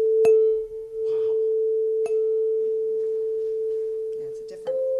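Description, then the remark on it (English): A metal chime is struck three times at uneven intervals, each sharp tap feeding one steady, pure ringing tone that hums on without fading between strikes. “You've also got this thing that isn't a bell, that's a chime.”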